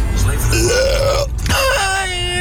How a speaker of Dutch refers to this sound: Ja, precies. Daar ben ik heel trots op. Gewoon een boer laten op de radio, ja. Hé, hey, de DJ vraagt erom, dus why not?